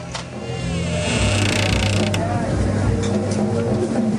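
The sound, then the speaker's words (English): A back door into a bar creaks open with a drawn-out, grinding groan, fairly loud, over a dense background of mechanical rattling and low rumble. “He breaks into a run, then enters the bar via a back door.”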